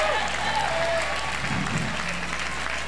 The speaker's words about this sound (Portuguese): Aplauda o nome de Deus.